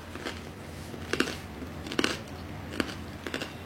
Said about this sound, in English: Oh, wow, the bread is crunchy.